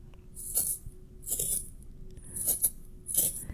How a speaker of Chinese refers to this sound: 答案就是削铅笔。